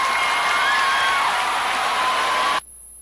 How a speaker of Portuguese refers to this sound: Muito obrigado pela presença de vocês, viu? Valeu, gente! Tchau, gente! Valeu, uma salva de palmas aí, gente!